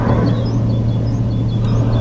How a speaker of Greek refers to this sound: άκουσε τον ήχο που κάνει το αεροπλάνο και θα καταλάβεις.